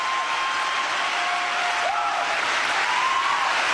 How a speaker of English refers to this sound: Here they are, clapping like a bunch of morons.